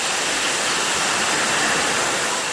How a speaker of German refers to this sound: Hier rasen gerade Wasserflaschen übers Förderband. In Sekundenschnelle befüllt eine Maschine die leeren Flaschen mit Mineralwasser.